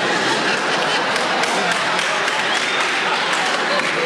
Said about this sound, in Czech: Ne, dokonce potlesk, ano.